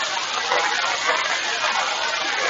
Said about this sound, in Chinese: 其实啊，在我这里呢，除了那个雨伞上有这个滴答滴答的落雨声之外呢，还夹杂着我们潮白河湍急的水流的声音。顺着我这里往前走呢，大概走300米就是我们的潮白河通州河段。